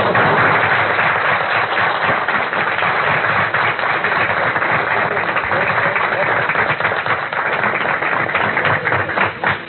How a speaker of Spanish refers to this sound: Pedimos un gran aplauso para él.